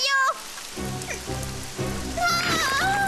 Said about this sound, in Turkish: Çamur yağıyor.